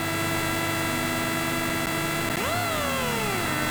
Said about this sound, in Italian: Possiamo anche alzare a palla il volume, sentire il motore che arriva al limitatore di questa bella Citroen DS3 di Rally 2.